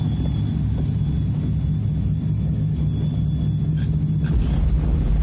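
A steady, loud low rumble of an airplane engine fills the whole stretch, a constant droning hum with a faint high whine riding above it and no voices.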